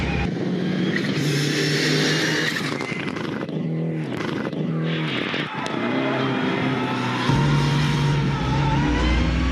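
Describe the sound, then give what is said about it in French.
The engine of a Lancer Evo 6 car revs up and down repeatedly, its pitch climbing and falling in loud waves, with a brief dip in the middle before the engine settles into a steady, higher drone; the engine revs to at most about 5500 to 6000 rpm. “Et par contre, le moteur il prend pas beaucoup de régime, hein. C'est maximum 5500 tours, 6000 tours.”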